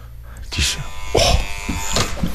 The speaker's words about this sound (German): Hab jetzt nur einmal geklingelt.